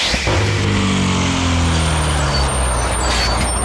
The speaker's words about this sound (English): If you want to hear the Explorer bus going ding, ding, tsh.